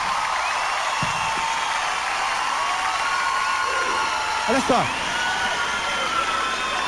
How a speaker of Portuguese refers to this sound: Pode aplaudir, gente. Pode aplaudir com tudo.